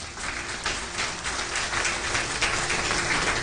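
An audience applauds steadily, a dense, sustained crackle of many hands clapping at once with no voices over it, holding at an even loudness throughout.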